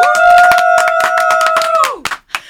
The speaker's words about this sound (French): Attends, on peut le faire nous-mêmes. Tu sais comment il est fan de on mes bruitages. On peut l'applaudir nous-mêmes.